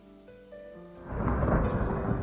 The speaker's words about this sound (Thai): เมื่อเข้าสู่ฤดูฝนมีฝนตกลงมาอย่างหนักลมพัดแรงต้นไม้ในป่าน้อยใหญ่แห่งนี้ต่างก็โยกไปโยกมาเอียงไปทางซ้ายเอียงไปทางขวาตามแรงของลม